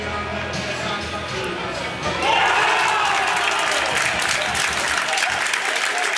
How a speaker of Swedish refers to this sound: Hör ni jublet i så fall så har ni förstått att det har blivit mål på den andra Superettan-arenan för att det är kvitterat utav Ljungskile mot Örebro.